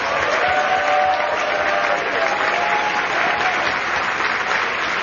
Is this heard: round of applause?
yes